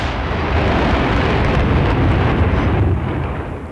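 A loud, booming blast from a bird-scaring cannon set up at a vineyard cottage to drive off starlings, heard as a heavy rumbling roar that fills the whole moment before fading slightly at the end, with no voices.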